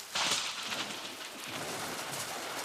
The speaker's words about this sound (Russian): Хотя гром трещал по-прежнему, и молния полосовала все небо. Гроза хорошая.